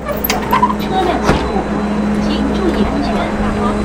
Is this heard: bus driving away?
yes